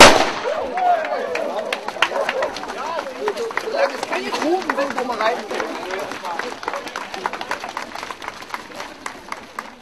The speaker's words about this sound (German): Der junge Mann hier wird dann fachgerecht mit der Pistole zeitgleich mit Höhenstedt den 5-Kilometer-Lauf den Start hier vollziehen. Achten Sie bitte auf den Knall und dann wünsche ich Ihnen recht viel Erfolg.